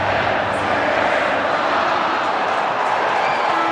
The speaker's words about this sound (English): And the crowd has swelled up nicely in the last 5 or 10 minutes. That was before the bounce,